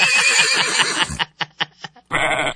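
A loud horse whinny: a long quavering neigh, then a few short breathy snorting bursts, and a final shrill whinny at the end.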